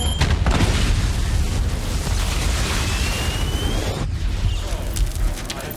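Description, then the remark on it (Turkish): A loud, deep explosive roar fills the scene with dense rumbling and crackling debris for several seconds, a thin rising tone faintly cutting through the blast; the explosion is set off by a sonic igniter piston whose sound frequency triggers it. No one speaks. “Ses frekansı patlamayı tetikliyor.”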